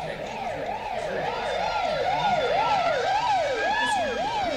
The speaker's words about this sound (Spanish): Vi pasar una ambulancia. Patrulleros de la policía.